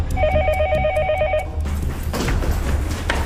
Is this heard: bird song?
no